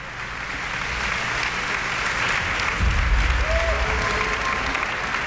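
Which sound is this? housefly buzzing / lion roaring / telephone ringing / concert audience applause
concert audience applause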